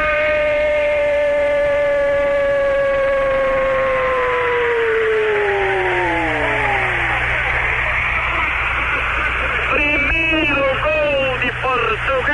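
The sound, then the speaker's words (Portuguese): A stadium crowd with Brazilian fans roars steadily after Simões heads a goal against Brazil, a dense wash of noise lasting the whole stretch, with high whistling tones gliding slowly downward over it and a few sharp chirps near the end. “Torcida brasileira.”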